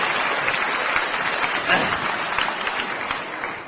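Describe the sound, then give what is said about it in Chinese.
An audience applauds steadily for a performer about to sing Li Yuhe's opening aria from the Peking opera, a dense, even wash of clapping hands that holds at a fairly loud level for several seconds with a brief swell near the middle. “来吧，掌声这么热烈，你肯定唱的错不了。”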